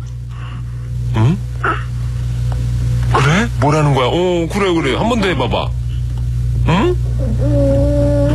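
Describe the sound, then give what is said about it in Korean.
A baby babbles in short bursts of high, wavering coos and squeals, while an adult talks back softly between them over a steady low hum. “아기의 옹알이 소리.”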